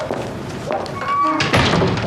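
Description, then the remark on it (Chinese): A door swings shut with a single solid thud, partway through a brief stretch of voices and background noise. “哇，关门关门。”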